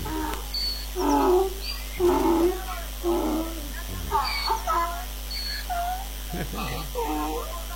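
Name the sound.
cat vocalizing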